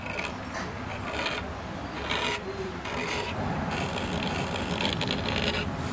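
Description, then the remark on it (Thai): A pointed iron tool scrapes and scratches decorative floral patterns into a metal surface in short, rasping strokes, steady and continuous with brief bright bursts, no voices present. “เหล็กแหลมต้องใช้เหล็กแหลมขูดเทคนิคการขูดนี่เขาจะต้องมีหัวแม่มือมันต้องใช้มือวางอย่างนี้เขาต้องมีหัวแม่มือ”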